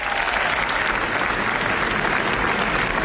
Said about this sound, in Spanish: estos son aplausos que, bueno, podría ser para nuestra corresponsal, pero no, son para Pedro Almodóvar en el Festival de Cannes